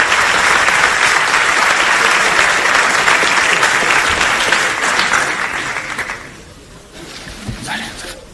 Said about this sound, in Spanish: Hasta aquí el vídeo, más aplausos. Y me imagino que tomará la palabra el candidato Florentino Pérez. Llevan el atril, mitad del escenario, aún sin iluminar. Y ahora sale Florentino Pérez aplaudiendo al auditorio en este Hotel de Madrid.